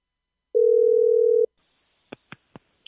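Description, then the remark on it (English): A telephone ringback tone: one steady electronic hum lasting about a second, then silence broken by four soft, quick clicks. No one speaks. “It's ringing.”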